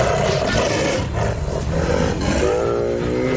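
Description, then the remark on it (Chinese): A male Bengal tiger, Matkasur, confronting a mother sloth bear, roars and snarls without pause, loud and harsh with deep rumbling growls, ending in a rising, raspy snarl. No one speaks. “懒熊妈妈挺起身子，让自己看起来尽量高大一些，面对实力强劲的雄性孟加拉虎，它生还的概率微乎其微。”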